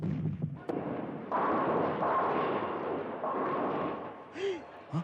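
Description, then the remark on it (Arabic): Cannon fire from the sea, aimed at houses on shore, booms out in a sharp crack followed by a long, rolling roar of heavy rumbling blasts, with a brief voice breaking in near the end. “هذه طاقة ملفح، طاقة ملفح جاية من البحر على بيوتنا”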